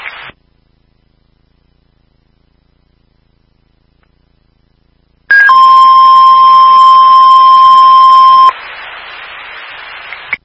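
A fire dispatch alert tone for a fire call: one loud, steady, high electronic tone held for about three seconds, followed by a rush of radio static, with a short static burst at the very start.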